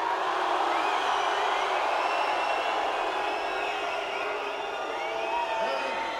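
A big audience roars without pause, many voices cheering, whooping and shouting together at a steady, loud level, like a packed concert crowd.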